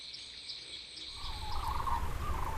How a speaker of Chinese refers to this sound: 向海的早晨是在鸟鸣中醒来的，全世界40%的白鹤在这片湿地上栖息。